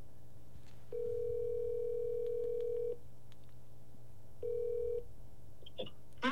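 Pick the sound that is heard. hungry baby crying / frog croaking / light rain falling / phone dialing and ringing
phone dialing and ringing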